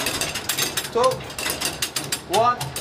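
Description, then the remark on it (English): A lift truck, working on the same principle as a forklift, being lowered by mechanics under an aircraft's engine struts, giving off a fast, steady series of sharp mechanical ratcheting clicks, with brief bits of voice calling instructions cutting in twice. “The lift truck uses the same principle as a forklift.”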